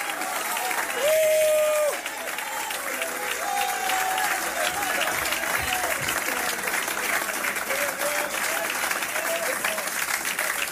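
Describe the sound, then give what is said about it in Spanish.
A church audience breaks into steady, loud applause for God during worship that fills the whole clip, with scattered shouts and voices rising over the clapping throughout. “Si crees que Él se merece que le aplauda, apláudalo.”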